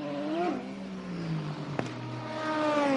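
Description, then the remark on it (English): A race car engine revs up and pulls away after refuelling during a six-hour race, its pitch climbing through gear changes with a sharp click midway, the roar staying loud throughout. “The fueler stares at the screen in front of him that will tell him when he can pull the fuel line from the car and send it off and away. Waiting. So much fuel, so much energy. Off and away they finally go.”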